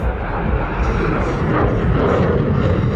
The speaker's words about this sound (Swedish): Och nu kommer flygplanet igen här. Wow.